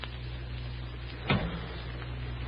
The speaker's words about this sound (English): I pulled the car open and slid into the front seat.